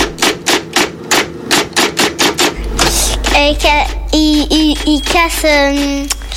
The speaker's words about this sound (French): Une machine à écrire des anciens temps.